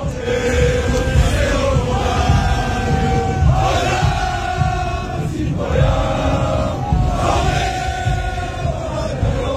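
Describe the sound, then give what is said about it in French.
A large French crowd chants and sings together in Times Square, New York, from 42nd to 47th Street. Voices rise in loud, swelling unison in repeated waves over a dense roar of cheering with no break throughout. “La foule française a hijacké Times Square ce soir-là de la 42e à la 47e en chantant.”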